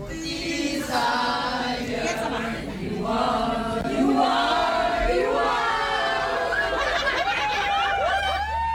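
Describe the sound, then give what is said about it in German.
A crowd of excited concert fans from across Europe shouting, whooping and laughing together in a tram in Düsseldorf on the way to a concert, with overlapping high-pitched cheers and chanting voices that stay loud and lively throughout. “So klingt das direkt aus Düsseldorf, aus der Straßenbahn.”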